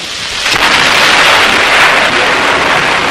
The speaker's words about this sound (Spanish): Afuera se escuchó el sonido de un rayo y comenzó a llover.